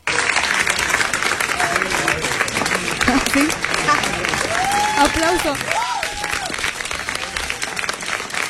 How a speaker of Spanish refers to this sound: Aplauso. Son aplausos de Gael y de Alfonso.